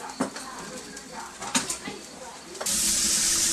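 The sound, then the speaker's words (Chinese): Light clatter and scattered sizzling give way to a sudden, loud, steady rush as water is poured into a hot pot of stir-fried free-range chicken to braise it, for a Zhangjiajie dish of chicken stewed with tremella, hissing and spraying until the end. “将炒熟后的土鸡加水焖煮，开锅后再将鸡肉连汤一起盛入炖锅中，直到这时珍贵的银耳才真正登场。”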